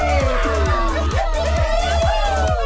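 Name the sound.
applause and cheering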